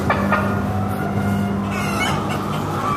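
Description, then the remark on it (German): Many chickens cluck and murmur together in a busy, continuous chorus, with a few sharper calls standing out over the steady flock noise in an experimental poultry barn in Zollikofen. “Anders gesagt, die Hühner der Zukunft sollen den Stempel von Zollikofen tragen.”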